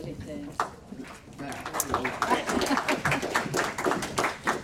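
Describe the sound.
A room full of people breaks into applause, starting with a few scattered claps and swelling into steady, dense clapping that carries on to the end, with a voice briefly audible underneath.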